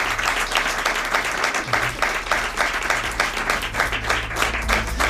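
Sustained applause from a sizable audience, dense and steady clapping filling the room at fairly loud volume for several seconds, with a low hum underneath.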